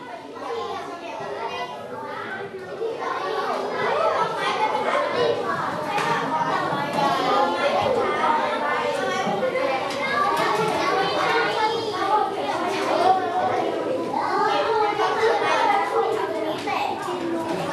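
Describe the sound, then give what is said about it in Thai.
Many schoolchildren chatter and call out at once in a classroom during a lesson, a steady overlapping babble of young voices that stays fairly loud throughout with no single voice standing out. “ทีนี้ทุกคนหันมาที่หน้าจอมองมาที่กระดานนะฟังคุณครูก่อนเนาะทั้งต้นทางและปลายทางเด็กๆต้องเงียบด้วยนะลูกเพราะว่าเดี๋ยวเพื่อนปลายทางจะไม่ได้ยินเรา”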